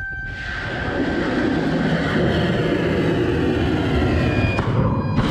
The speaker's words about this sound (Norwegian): Er det missiler, der bliver affyret mod Iran fra amerikanske krigsskibe?